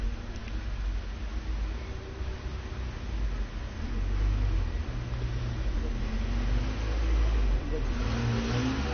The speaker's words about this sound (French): Une voiture verte, suivie d'un grand camion blanc, passe devant nous, près du boulevard Saint-Germain.